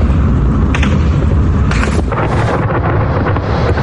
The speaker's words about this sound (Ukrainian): О, стріляють. Прикольно.